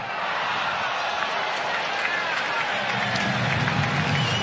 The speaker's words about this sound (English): Kevin Gausman got a huge ovation from this sellout crowd this afternoon. They think maybe this may have been his last outing as a Toronto Blue Jay, as his name has been mentioned in trade talks.